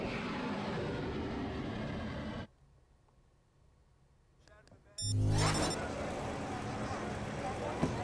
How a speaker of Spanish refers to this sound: Minutos después de las 5:30 de la tarde, el Papa León XIV llegaba en coche a las instalaciones, pues sí, de esta casa, de Torre España.